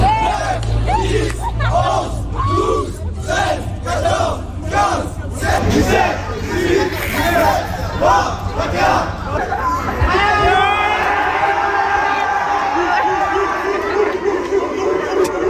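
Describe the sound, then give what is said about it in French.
An excited crowd of high school students, gathered around a friendly game between a police officer and a high school student, shouts and cheers in loud rhythmic bursts, rising into a dense, continuous roar of yelling voices toward the end. “Alors, vous devinerez avec l'enthousiasme de la foule qui était formée de lycéens autour que c'est le lycéen qui a battu le policier.”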